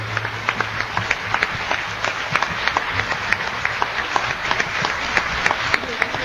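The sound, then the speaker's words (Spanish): An audience applauds the Lord after a prayer, many hands clapping in a dense, continuous patter with sharp individual claps popping out, sustained at a moderate level throughout, with a faint low hum underneath. “Un aplauso al Señor por esta oración que nos ha regalado.”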